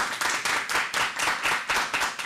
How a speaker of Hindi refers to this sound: बच्चों आपको कैसा लगा? अच्छा लगा ना, तो तालियां तो बनती है ना।